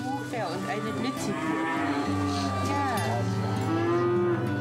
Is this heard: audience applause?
no